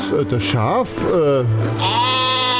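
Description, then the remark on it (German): A sheep bleats loudly, several quavering, wavering cries running one into the next over a couple of seconds. “Wo ist das Schaf?”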